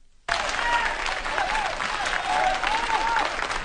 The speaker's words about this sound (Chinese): 从大家的掌声啊，我听出来了 什么呀？ 大家还是比较喜欢我们俩的。